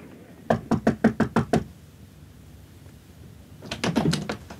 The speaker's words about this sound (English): I was expecting company. And at 9 o'clock on the dot, there was a knock at the door.